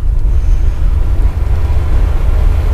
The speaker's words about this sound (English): Rumble, rumble, rumble. How'd you like to live this close to the tracks